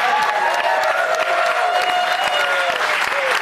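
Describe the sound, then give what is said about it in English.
The studio audience of Fox News Saturday Night in New York City applauds and cheers steadily, dense clapping with whoops and shouts rising over it, loud throughout without a break. “You guys, it's such a great crowd. They have been hyped up from the second we picked them up outside the methadone clinic.”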